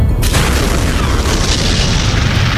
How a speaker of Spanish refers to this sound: A las 8 y cuarto de la mañana, un bombardero estadounidense llamado Enola Gay dejó caer la primera bomba atómica de la historia sobre una ciudad, Hiroshima.